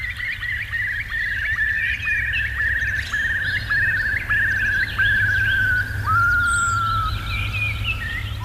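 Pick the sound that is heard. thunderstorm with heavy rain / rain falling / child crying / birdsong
birdsong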